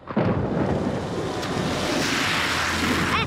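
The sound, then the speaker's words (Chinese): A motorcycle tears through a rainwater puddle on a rainy day, splashing a pedestrian and throwing up a loud, sustained rush of splashing water that starts abruptly and holds for a few seconds, noisy, with no voices. “你这车怎么开的呀你？你溅我一身水，你给我回来！”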